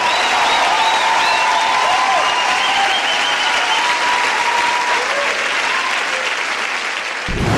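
A large audience claps in a dense, steady wash of applause with scattered cheers and whistles, loud and close, running for several seconds before cutting off abruptly.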